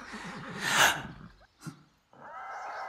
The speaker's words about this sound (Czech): Co se to venku děje? Nějaká dívka zápolí s koněm.